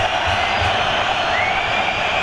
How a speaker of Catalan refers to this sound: Ara, evidentment, des de la Curva Nord també amb aquests càntics, però és que és tothom